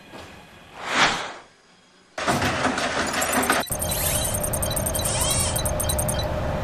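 A soft whoosh rises and fades, then a rail inspection robot at a power distribution station in Sanfang Qixiang, Dongjiekou, Fuzhou, China, starts up at one key press with a steady mechanical whir and a rapid, regular run of crisp, high-pitched clicks as it inspects equipment in an underground cable trench, fairly loud throughout.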